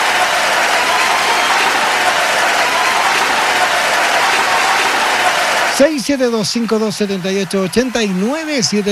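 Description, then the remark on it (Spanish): A crowd applauds steadily for about six seconds, a dense, even wash of clapping, then stops abruptly as a voice begins talking. “Un abrazo grande para ellos. Se pasaron. ¡Aplauso!”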